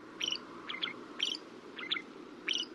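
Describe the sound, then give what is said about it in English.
Shrike song: five short, scratchy phrases of squeaky, mid-to-high notes, alternating between two patterns at a steady pace over a low, constant background rumble. “Technically, these little raptors are classified as songbirds, but to our ears, their song can sometimes sound less than appealing.”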